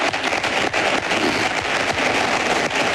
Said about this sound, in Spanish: Aplausos del público que asiste al acto de cierre de elecciones de Florentino Pérez, que sigue hablando.